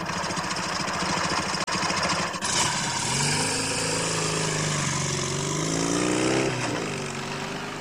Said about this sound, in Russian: Казадоев с Семен Семеновичем едут на мотоцикле. Семен Семенович спит. Также поворачивают на белую скалу.